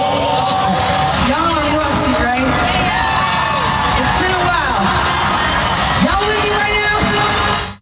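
A large concert crowd cheers and screams without letup, loud and dense, with rising and falling whoops and yells cutting through a steady roar of voices.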